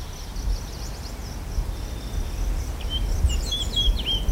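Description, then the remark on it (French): Birds sing faintly in spring over a low outdoor rumble, a few thin chirps early on, then a livelier burst of quick, high tweets near the end. No one speaks. “Les oiseaux chantent, les arbres bourgeonnent, la Drôme coule à flot, les terrasses se déploient, les jours s'allongent.”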